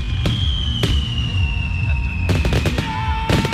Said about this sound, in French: Ce soir-là, c'est le festival du 4 juillet à Camp Foster. Les premiers feux d'artifice résonnent.